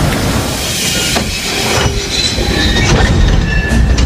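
A train rolls along the rails, steady low rumble with wheel clatter and thin high squeals and hiss rising over it, loud and close, no voices.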